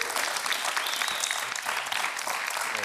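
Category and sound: crowd, applause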